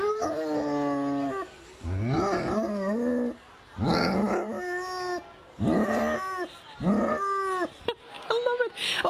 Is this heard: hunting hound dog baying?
yes